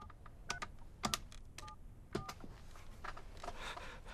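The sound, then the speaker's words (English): A series of separate clicks and short beeping tones as a man tentatively taps the keys of a telephone to make a call, at an uneven, hesitant pace, with no talking. “He tentatively taps the keys as he makes a call.”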